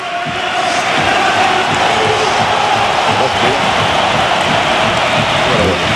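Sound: stadium crowd ovation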